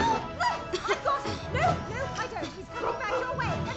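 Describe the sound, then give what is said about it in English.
A male dog yelps and whimpers in repeated high, sliding cries while people try to catch it, over a chaotic background of overlapping voices, fairly loud throughout. “Stop that dog!”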